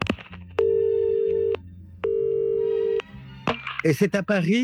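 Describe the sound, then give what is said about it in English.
A telephone rings twice with a steady electronic tone, each ring about a second long with a brief pause between, over a low hum, before a voice briefly speaks; an incoming call offering work at the perfume firm Osmotec, in France. “And that's when he gets an interesting phone call.”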